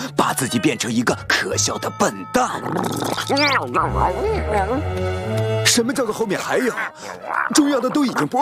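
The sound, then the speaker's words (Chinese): A dog yelps, whines and barks in a frantic, nonstop burst of high, wavering cries as the person who feeds it comes home, while a person talks over much of it. “现在观察一下他回家时猫跟狗的反应，狗会变得歇斯底里，汪汪叫个不停，在他身上涂满了口水。”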